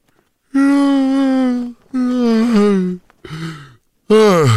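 yawn

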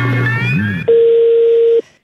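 phone tone

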